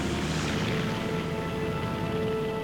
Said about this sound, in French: Le temps de décharger le matériel, le pilote est de retour dans sa cabine. L'avion glisse sur ses skis, décolle, puis disparaît dans le ciel.